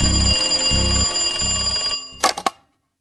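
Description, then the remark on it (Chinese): A telephone at the Shuixi Gate police station of the West District rings at night in three long, even bursts of a bright, buzzy bell tone, followed by a few sharp clicks and clatter as the receiver is picked up, then silence. “这天晚上他在自己的办公室里冒充东区警察局太平桥警察所值班员，给西区警察所水西门警察所值班人员打电话。”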